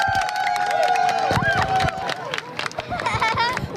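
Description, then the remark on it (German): A large crowd in Hannover on the Kronsberg erupts in cheers and excited shouts as a solar eclipse reaches its peak, with scattered clapping and a few high whoops rising over a dense, continuous wash of voices, fairly loud throughout. “Die Sonnenfinsternis erreicht ihren Höhepunkt und Jubel bricht aus.”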